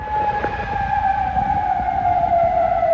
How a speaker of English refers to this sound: Sirens sounded in Kuwait as the Iranian military confirmed it had carried out retaliatory strikes on US targets there, in Bahrain and Qatar.